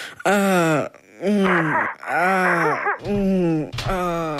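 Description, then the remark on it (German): A voice imitating sex moaning: four loud, drawn-out moans in a steady rhythm, each pitch arching up and sliding down, with short breathy gaps between them and no other talk. “Naja, wie soll sich das anhören? Ungefähr so.”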